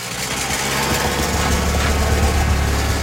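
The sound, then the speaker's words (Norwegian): A vintage car engine has trouble on the first steep hill of Rally Tronåsen, a route once part of the 1931 Rally Monte Carlo. It labors with a steady, rough drone, low throbbing tones beneath a broad mechanical roar that holds at an even loudness throughout, with no voices. “Allerede I den første bratte bakken får en av bilene problemer.”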